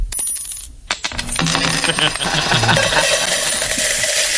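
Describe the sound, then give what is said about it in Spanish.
Coins drop one after another in a steady, bright metallic jingle, standing for the money each visitor to Disneyland Paris spends, clinking continuously and fairly loudly after a short, quieter opening, with a faint murmur underneath. “Es un goteo constante, te sablean por todo.”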